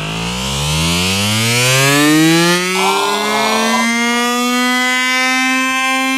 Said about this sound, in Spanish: Si has aguantado bien el pitido, tus oídos están en perfecto estado de revista.